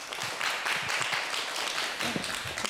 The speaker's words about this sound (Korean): 큰 박수로 귀중한 얘기 들어봅시다.